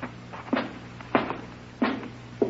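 A door is eased open slowly and carefully so it won't bang, giving four soft, evenly spaced creaking thumps over a low steady hum, quiet, with no voices.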